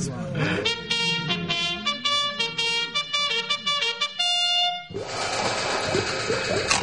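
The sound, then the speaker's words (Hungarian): A horn, a new yellow trumpet, is blown by Dugó to rouse the bone brigade, a loud series of short, bright blasts that shift in pitch, then breaks into a harsher, more ragged sustained blare near the end. “Fújd meg a kürtöt!”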